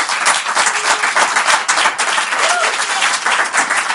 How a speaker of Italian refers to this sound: Se vi va, gli facciamo un applauso se ci stanno ascoltando.